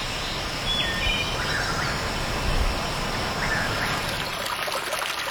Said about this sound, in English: We came upon a spring that's straight out of the rock face. And it just looks like a little faucet coming down onto the trail. There's a moss growing at the bottom.